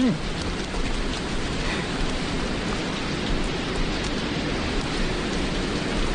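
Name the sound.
heavy rain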